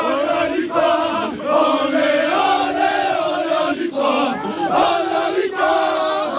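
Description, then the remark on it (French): Thionville football players cheer and chant loudly together on the pitch of the Colmar Stadium on 19 April, a sustained, rhythmic roar of many voices with repeated shouted phrases, celebrating promotion to Ligue 3 after a draw against Colmar, with no speech over it. “Après un match nul face à Colmar, les joueurs de Thionville fêtent leur montée en Ligue 3.”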